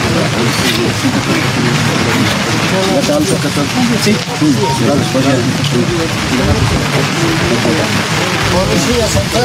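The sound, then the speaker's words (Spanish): Steady rain hisses down outdoors on the La Paz–Oruro highway at the Vilaque crossing, a constant wash of noise beneath overlapping voices of a crowd, with a low engine rumble in the background. “En ese momento llueve también aquí en la carretera La Paz Oruro cruce Vilaque.”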